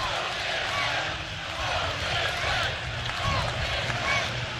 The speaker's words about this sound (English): In a moment, you're about to hear the roar of the crowd as the Huskers getting ready to take the field behind the junior from Halstead, Kansas, Ty Horn.